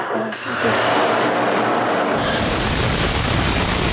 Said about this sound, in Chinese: 十几秒的发动机点火测试，直观展现了航天动力的真实力量。熊熊烈焰、强劲推力的背后，是每一次精准调试、反复试验的积累，也是中国航天可靠稳健的底气。